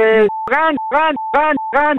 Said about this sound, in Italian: E quello è il clacson dei veneti, loro hanno questo clacson qua.